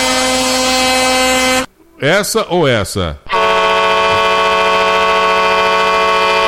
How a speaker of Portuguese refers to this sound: Vou mandar a buzinada pra ele. Deixa eu ver aqui. Ele gosta da buzinada grossa, né?